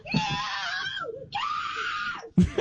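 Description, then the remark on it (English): A mother lets out two long, piercing screams of real terror at an armadillo, loud, each sustained for about a second, followed by a short gasping cry. “That's a great horror movie scream.”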